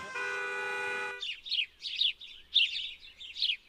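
A steady, buzzy car-horn blast lasting about a second gives way to a run of bright bird chirps and tweets, six or so quick, fluttering bursts in an irregular rhythm, clear.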